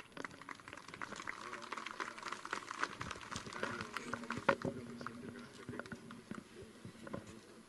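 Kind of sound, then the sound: crowd, audience applause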